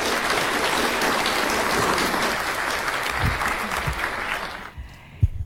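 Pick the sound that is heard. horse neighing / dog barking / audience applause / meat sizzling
audience applause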